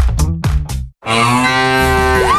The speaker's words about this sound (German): Finde eine der letzten beiden muhenden Müllermilchflaschen